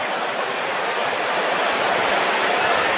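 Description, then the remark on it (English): A baseball crowd buzzes after Seiya Suzuki's home run, his 21st, a steady, dense roar of many voices blending into a constant wash of noise, holding at an even level for the full few seconds. “Crowd's buzzing about that home run, aren't they?”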